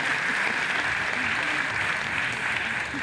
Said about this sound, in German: Direkt danach brandet zum ersten Mal Applaus auf. Aus allen Ecken des Parks, in denen es sich die Menschen auf mitgebrachten Campingstühlen oder Picknickdecken gemütlich gemacht haben.